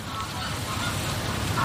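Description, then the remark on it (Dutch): A flock of geese honks while flying over in a steady, overlapping chorus, the calls continuous against a broad outdoor background hiss. “Groepen ganzen die dan al gakkend overvliegen, die hebben wel gebruik gemaakt van de mogelijkheden die de landschap biedt.”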